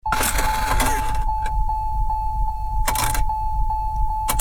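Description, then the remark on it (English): A car engine struggles to start in the cold, cranking with a strained whine and sputtering bursts over a low, steady rumble, loud with no talking. “If your car is already making that sound, what's it going to do when the temperature really drops?”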